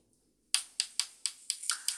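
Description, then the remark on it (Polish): A stepped rotary knob clicks as it is turned toward the 200 setting, producing a series of about eight sharp clicks at a fairly steady pace, quick and crisp, with no talking. “No i jak ten pokrętło jest skokowe, i też jak je przekręcamy, nie wiem, czy zademonstrować, pokazać, że słyszymy takie kliknięcia też.”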